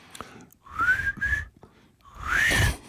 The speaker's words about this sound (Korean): 잠깐만. 휘파람.